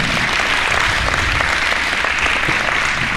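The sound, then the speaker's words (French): A crowd applauds a little girl steadily throughout, a dense continuous patter of many hands clapping, fairly loud and unbroken for a few seconds. “Eh bien, voyez, c'est à la fois très simple, on peut l'applaudir, cette petite jeune fille-là.”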